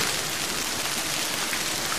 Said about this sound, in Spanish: Y muchísimo granizo, como el de la pasada tarde, el que escuchas en Castellfort, en la comarca del Sport, 71 litros registró AEMET en una hora